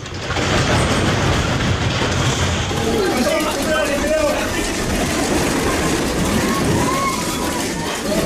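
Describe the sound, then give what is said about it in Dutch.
Japanese office workers on the island of Kyushu take cover under their desks and put on helmets during a strong earthquake: a loud, steady rumbling and rattling roar continues throughout, with faint muffled voices buried beneath the noise. “Hier horen wij zeer gedisciplineerde Japanse kantoormedewerkers die allemaal onder hun tafel gaan zitten en vervolgens een helm opzetten.”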